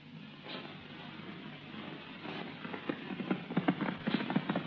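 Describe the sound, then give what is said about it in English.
Horse hooves galloping in a quick, uneven rhythm as riders ride out on the Bradley ranch, the clatter growing louder and sharper toward the end over a steady low rumble, with no voices. “Mike, let's slow down to a gallop.”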